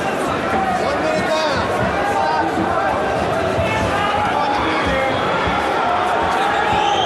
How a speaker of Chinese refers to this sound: 这是尝试现场的嘘声啊！